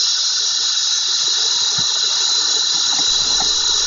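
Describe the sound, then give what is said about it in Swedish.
A dense, unbroken drone of swarming periodical cicadas, 17-year and 13-year broods emerging together, a loud high-pitched whirring buzz that holds steady throughout without pauses or rhythm, with no voices present. “Ljudet från cikadorna kan uppgå till 120 decibel, och träden blev fulla av de här kärlekskranka skrottarna, liksom husväggarna.”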